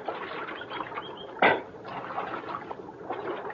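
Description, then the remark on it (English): Steady rushing water of Little Creek fills the background, broken by one sharp splash partway through as riders, dismounted from their horses, scoop up a drink of water. No voices are heard. “And we climbed out from our horses and got a drink of water.”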